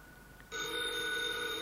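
A telephone bell starts ringing abruptly after a brief quiet moment, a continuous bright, harmonically rich electric ring that stays steady and fairly loud, with no voices.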